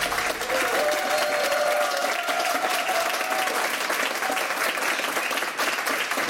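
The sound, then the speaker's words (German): Steady, dense audience applause, many hands clapping loudly and continuously for several seconds, with a faint whistle or cheer rising briefly early on and no speech over it. “Also, wenn heute Abend beim Fußball auch so viel Applaus herrscht, dann könnte Argentinien vielleicht doch gewinnen gegen England.”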